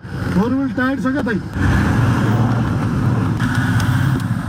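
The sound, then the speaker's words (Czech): A Toyota's engine rumbles steadily for several seconds, straining as it climbs a steep, narrow unpaved mountain road of sharp stones toward Nuvakot district, with a rough, bumpy rattle. A voice speaks briefly before the engine noise takes over. “Tohle je teprve začátek a jistota, že sklon ani povrch nemůže naše Toyota zvládnout, mě rychle přešly.”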